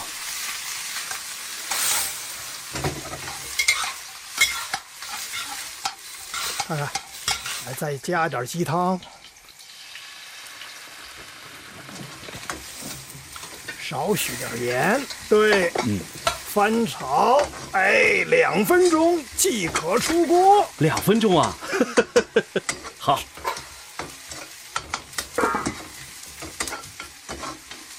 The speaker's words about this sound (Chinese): 热锅倒油。 放入葱姜煸炒啊，葱 和姜，对对对， 哎，再放点虾米， 虾米， 炒个10秒，倒入切断的蒲菜， 蒲菜， 对，翻炒3分钟， 好，3分钟。